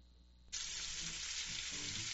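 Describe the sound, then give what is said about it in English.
Meat sizzling on a grill bursts in after a brief quiet moment in an advertisement for Pep's Pork, a loud, steady, crackling hiss that carries on with no one talking. “Sizzle, smoke, flavor you don't forget.”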